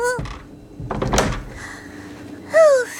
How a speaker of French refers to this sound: Ferme vite la porte! Elle arrive!